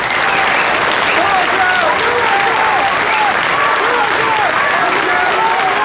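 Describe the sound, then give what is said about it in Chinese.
A crowd breaks into loud, sustained applause welcoming the poet Feng Huacheng, introduced to recite Pushkin's poem "If Life Deceives You": a dense steady roar of clapping that holds for about six seconds, with indistinct voices and cheers mixed in. “下面请欣赏由著名诗人冯化成为大家朗诵普希金的《假如生活欺骗了你》，掌声欢迎。”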